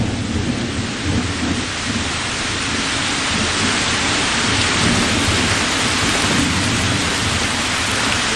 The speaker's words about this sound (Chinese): 这雨下雨大哈，赶紧往回走吧，天黑了。